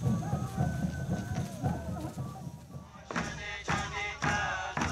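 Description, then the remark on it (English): Drums bang at Apucha, a small Ashaninka village, a handful of sharp, uneven hits in the second half, over busy outdoor background noise. “And I can hear the drums banging.”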